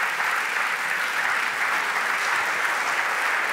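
Sustained audience applause, a dense steady patter of many hands clapping at an even loudness throughout, with no voices standing out.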